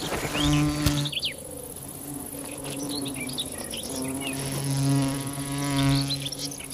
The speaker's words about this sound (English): The bee wolf is a digger wasp that specializes in killing bees.